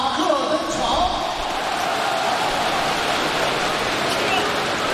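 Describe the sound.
A crowd in a basketball arena keeps up steady, dense applause and cheering for player Barry Brown, number 59, for the full five seconds, a loud even wash of clapping with faint voices mixed in.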